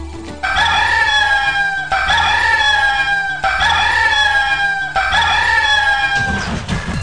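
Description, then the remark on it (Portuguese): A rooster crows loudly, several long strained calls repeating in steady succession with only short breaks between them, no voices present. “falou que vai trazer milho pro galo, né? Pra ele cantar mais alto ainda.”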